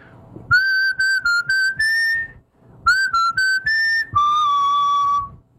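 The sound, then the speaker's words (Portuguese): A person whistles a song melody, two phrases of short bright notes rising and stepping, the second ending in one long held tone. No talking. “vai fazer o assobio da música”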